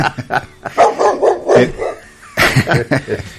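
A dog barks repeatedly in quick, choppy bursts, fairly loud, pausing briefly before another run of sharp barks.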